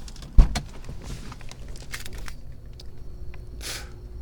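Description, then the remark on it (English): A sharp click of a car door unlatching and opening as someone gets out of the car, followed by shuffling, rustling movement and a brief whooshing scrape near the end, with no talking. “We're going to get out of the car.”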